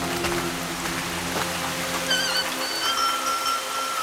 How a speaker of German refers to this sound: Wirst schon nicht ertrinken, auch wenn es so stark regnet. Mistwetter.